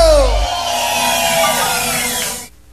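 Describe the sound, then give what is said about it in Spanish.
A loud crowd at a night event roars and cheers in response to a call to shout, with many voices shouting and whooping together in a dense, sustained wall of sound that cuts off abruptly after about two and a half seconds. “¿Cuántos están contentos esta noche? ¡Regálame un grito!”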